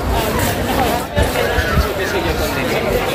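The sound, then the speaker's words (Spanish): A dense, steady wash of crowd chatter on a busy Madrid street, going down from Gran Vía toward Puerta del Sol, many overlapping voices blending into a continuous hubbub with no single speaker standing out, holding an even loudness throughout. “Bajamos desde Gran Vía hacia la Puerta del Sol.”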